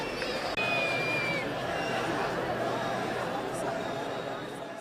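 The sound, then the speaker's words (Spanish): A large crowd roars steadily with dense, overlapping voices, whistling, booing and shouting insults at President Pedro Sánchez; a shrill whistle streaks across the noise near the start amid sustained jeering and booing. “Pues pitos, abucheos e insultos al propio presidente.”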